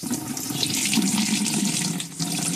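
Water runs at low pressure from a household tap in Port Moresby, Papua New Guinea, a steady splashing hiss that continues without pause for a few seconds, with no voices.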